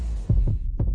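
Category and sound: medical sound, heartbeat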